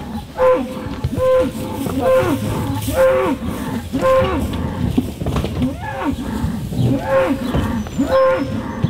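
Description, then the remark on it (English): One-year-old bulls bellow and low again and again in the yards of a hill country sheep and beef farm in Taranaki while their virtual fencing collars are adjusted; loud overlapping calls at a steady pace, with a continuous rumble of shuffling and movement underneath. “adjusting the virtual fencing collars on their one-year-old bulls”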